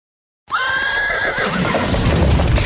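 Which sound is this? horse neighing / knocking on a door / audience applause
horse neighing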